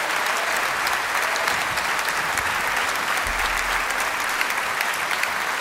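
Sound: audience applause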